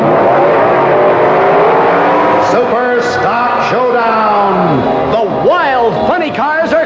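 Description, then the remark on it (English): Loud funny car drag racing engines (nitromethane-burning Dodges, lightweight Chevrolets, supercharged Fords and Plymouths) rev continuously at the grand opening Funny Car Championship Meet at National Speedway, their pitch repeatedly swooping up and falling back in quick overlapping bursts, the roar dense. “It's the grand opening Funny Car Championship Meet.”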